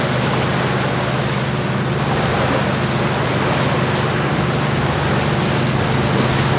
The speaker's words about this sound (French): Dans le bruit du moteur, le bateau rentre lentement vers Libreville.